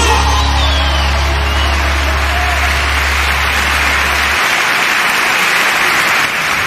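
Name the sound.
audience applauding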